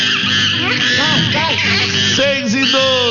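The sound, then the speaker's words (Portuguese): A parrot squawks loudly and continuously, its raspy, harmonic calls bending up and down in pitch for about three seconds. “E eu quero dar bom dia pro papagaio.”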